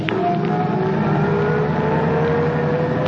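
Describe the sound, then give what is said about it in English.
A taxi engine runs steadily and the taxi pulls away with a passenger and luggage, a continuous low rumble with a rising tonal whine as the vehicle accelerates, with no voices. “And then he waves to you as you drive off.”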